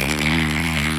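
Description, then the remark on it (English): A person imitates the call of Nicholas, a bottlenose dolphin resident at Clearwater Marine Aquarium, with a loud, steady, buzzing rasp that drones for about a second, with no words. “Next resident, Nicholas, the bottlenose dolphin, which sounds like this.”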